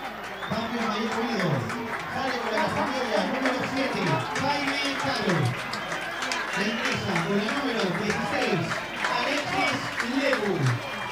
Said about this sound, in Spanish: La gente lo premia con un aplauso al Jaime. Vio toda su entrega, lo que hizo dentro del campo de juego.